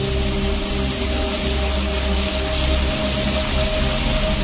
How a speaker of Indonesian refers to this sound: Aduh, hujan deras lagi.